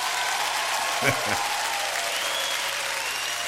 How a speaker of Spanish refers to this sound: ¿Dónde están los sobrevivientes? Un aplauso para ustedes, pues.